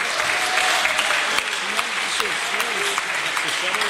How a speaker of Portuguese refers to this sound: Pode bater as palmas para Jesus, igreja.